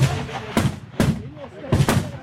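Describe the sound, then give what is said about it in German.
Rifle shots ring out at the 300-metre shooting range in Chur, Switzerland, during the Swiss federal shooting festival: four sharp cracks in quick, irregular succession, loud, the last two nearly back to back, with faint background murmur between them. “Alle sind konzentriert hier im Schiessstand. Jeder Schuss zählt.”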